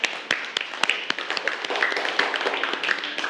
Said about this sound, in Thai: ผมขอเสียงปรบมือให้เพื่อนทั้งสองคนหน่อยครับ